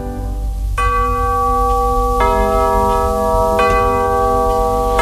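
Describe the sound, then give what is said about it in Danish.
Church bells ring out in three loud, evenly spaced strikes, each tone hanging and humming on long after it's struck, over a low background rumble. “Det kendtes på klangen, som klokkerne gav.”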